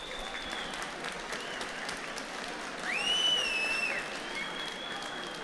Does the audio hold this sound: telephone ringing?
no